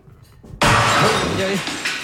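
A plate smashes with a sudden loud crash, followed by a bright, scattering tinkle of shards that fades over about a second and a half.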